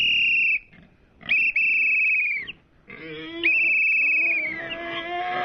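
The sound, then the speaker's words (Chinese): Three long, shrill whistle blasts ring out, each held for about a second, used to call free-range mountain pigs back, while a low rumble of grunting and stirring pigs in the mountains rises beneath them and swells toward the end. “普普通通的哨子就能把如此野性的跑山猪叫回来？果不其然，随着哨声的响起，原本安静的山里突然开始躁动起来。”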